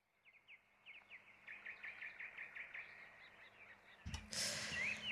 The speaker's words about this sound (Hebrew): טוב, אנחנו שומעים את הציפורים.